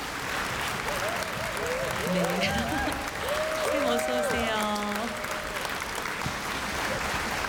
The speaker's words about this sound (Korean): 네, 큰 박수로 맞이해 주시면 감사하겠습니다.